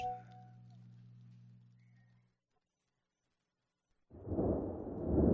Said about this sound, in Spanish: Escucha los truenos.